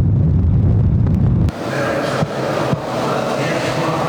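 Strong storm wind gusts roar loudly and continuously, with heavy low buffeting at first giving way to a broad rushing howl and a couple of sharp knocks, during a storm in Gaziantep, southeastern Turkey, where the wind caught a shepherd grazing sheep.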